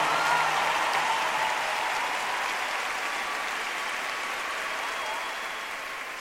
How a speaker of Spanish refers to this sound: Por favor, brinden un aplauso a la persona más especial, nuestro Señor Jesús.